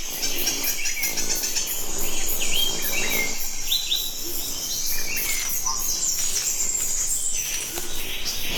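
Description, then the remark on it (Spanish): Female hummingbird calls, from a female hummingbird that is a possible nectar thief at another hummingbird's flowers: a busy stream of thin, high-pitched chirps and squeaky twitters, repeating quickly and overlapping, against a steady, buzzing, insect-like background. “Así que incluso cuando visita una planta para alimentarse, el colibrí está atento a posibles ladrones de néctar, como este rabudito hembra.”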